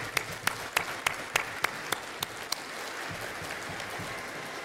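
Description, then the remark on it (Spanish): Audience applause at a congress, welcoming a presenter, a sustained wash of many hands clapping, with a few sharp rhythmic claps standing out in the first half before it settles into a steady, even patter until the end. “Un aplauso, por favor.”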